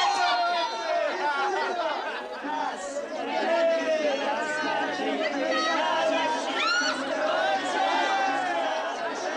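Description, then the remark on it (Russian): A steady hubbub of many guests chattering at once as they leave, overlapping voices rising and falling with occasional higher exclamations, continuing at an even, fairly loud level throughout. “Гости расходятся.”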